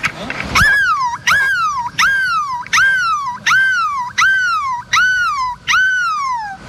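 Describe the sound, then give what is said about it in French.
A person imitates a seagull's cry, evoking a seagull on the Place de la République in Lille: eight loud, high, nasal calls in a steady rhythm, each jumping up sharply and then sliding down, with no other talking. “Pourrons-nous faire mieux que le cri de la mouette au milieu de la place de la République à Lille?”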